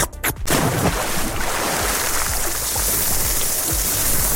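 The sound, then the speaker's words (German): A short summer sound collage put together by the Radio Regenbogen community: a couple of quick wet noises of ice cream being licked and a splash of jumping into water, then a loud, steady hiss of food sizzling on a grill. No one speaks. “Also Eisschlecken, ins Wasser springen und grillen.”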